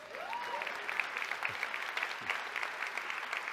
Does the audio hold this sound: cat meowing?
no